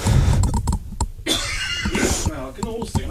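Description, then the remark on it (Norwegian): A few short, muffled coughs sound in the background, brief harsh bursts early on, followed by breathy vocal noise and voices. “Sånn, måtte bare hoste litt sånn bak.”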